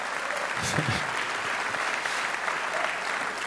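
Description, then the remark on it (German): An audience applauds steadily, a dense wash of clapping that holds at an even level throughout, with a brief low murmur near the start. “Mal sehen, ob Sie am Samstag dann auch noch zum Klatschen aufgelegt sind.”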